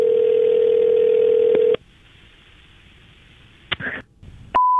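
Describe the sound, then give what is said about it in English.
A steady ringback tone from an outgoing prank phone call to an insurance office sounds once for nearly two seconds, then the line goes quiet with faint hiss and a couple of clicks before a short, higher beep. “So I'm going to call and leave a message for her boss that is impossibly long.”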